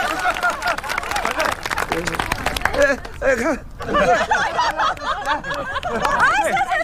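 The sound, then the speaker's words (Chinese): A burst of quick, scattered hand clapping from a small group at a family celebration dinner, cheering someone on to give a toast, fills the first few seconds, then gives way to several voices talking and laughing over one another. “哎呀，你看这爹也发话了，这老妈也说了，掌声都起来了。”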